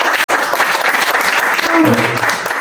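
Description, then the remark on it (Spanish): Loud, steady applause from an audience welcoming guest speakers to a talk, a dense wash of clapping filling the whole clip, with a brief faint voice rising under it near the end. “Entonces, vamos recibiéndoles a ellos con fuertes aplausos, ¿sí?”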